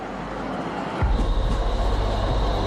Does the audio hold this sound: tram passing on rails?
yes